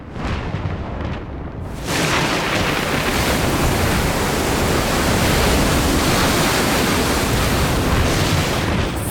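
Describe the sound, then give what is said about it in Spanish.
A stormy sea around a ship roars loudly and steadily, the heavy wash of crashing waves swelling after a quieter first two seconds into a dense, continuous rumble with no voices. “¡Eres el responsable de esta tormenta!”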